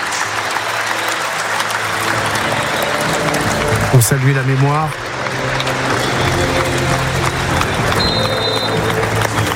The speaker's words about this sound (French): on entend les applaudissements du public de Marcel Picot.